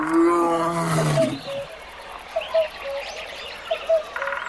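A lion lets out a deep, loud roar in the first second and a half, followed by a quieter stretch with a few short bird chirps in the background.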